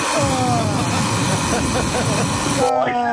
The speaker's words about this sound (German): Ja, aber so klingt doch dein Wecker, oder nicht?